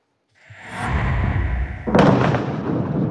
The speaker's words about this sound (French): ces explosions dans le sud du Liban. Oui, l'armée israélienne affirme avoir détruit des tunnels du Hezbollah. Les explosions ont été si puissantes qu'elles ont provoqué une secousse de magnitude 4,1 sur l'échelle de Richter.